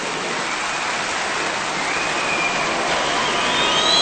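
A crowd at a live event in New York applauds loudly and steadily to welcome a bandleader presenting a tribute to Colombian cumbia, a dense wash of clapping that holds for several seconds and swells slightly toward the end, with a few faint whistles near the finish.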